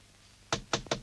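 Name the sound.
knocking on a door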